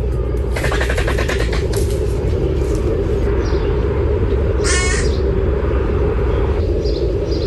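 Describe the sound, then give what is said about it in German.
Griffon vultures at Zoo Salzburg give harsh, rasping, cackling calls: a long rattling burst, a few shorter croaks, then another grating call, all over a steady low rumble with no talking. “Also zum Beispiel bei einem Aquarium oder zum Beispiel bei den Gänsegeiern im Zoo Salzburg.”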